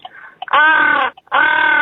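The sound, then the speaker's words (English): A person imitates a crow for a guess-the-animal game, giving two loud, harsh caws in quick succession after a few short breathy sounds. “It's a crow, yeah.”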